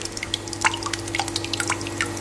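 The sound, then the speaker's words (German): Thick homemade yogurt, made from the household's own milk, is measured and poured in, splashing: a scatter of wet drips and small splats landing irregularly over a faint steady hum, with no voices. “Also nicht aus dem Supermarkt gekauft, hat die ja gerade abgemessen und reingeschüttet, hör mal, was passiert ist.”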